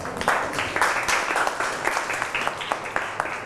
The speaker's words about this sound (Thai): ปรบมือให้กลุ่มนี้ค่ะ